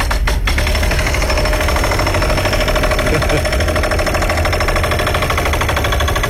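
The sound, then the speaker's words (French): A jackhammer pounds steadily at roadwork, a loud, rapid mechanical hammering that runs without pause, with a low engine rumble underneath the harsh, rattling bursts. “Un marteau piqueur? Hey, t'es donc des travaux routiers?”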